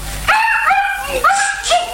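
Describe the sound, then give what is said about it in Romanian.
A small dog lets out a few high-pitched, drawn-out yips and whiny barks in quick succession, fairly loud, with no one talking. “Păi, am tot fost să duc cățelul ăla.”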